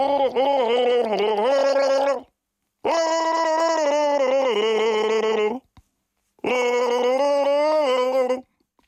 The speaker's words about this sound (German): Pass auf, Achtung. Ich gurgel mal vor, ja. Also du hast 1001 Chance, das zu erraten. 1001 Chance hast du jetzt gleich die Chance. Genau. Das NDR1 Radio MV Ostseewasser gurgeln.